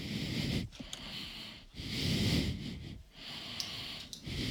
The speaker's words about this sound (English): That's just heavy breathing at the moment. My apologies there.